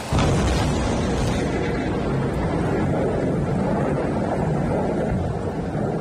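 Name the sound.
thunderstorm thunder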